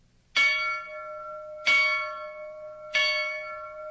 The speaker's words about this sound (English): I think you've got a steamboat bell, don't you? Yes, we do. We have a steamboat bell. Right. Well, let's listen to that now. The type of a steamboat bell that was used when he was a steamboat pilot.